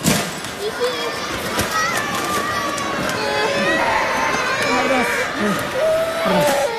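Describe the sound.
Crashes and clatters of items falling off shelves ring out amid a loud, chaotic din of wailing, crying and shouting children and agitated voices, echoing inside a retail warehouse during a magnitude 7.1 earthquake in Kumamoto prefecture.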